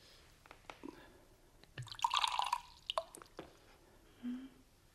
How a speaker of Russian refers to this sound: Ну, наливайте.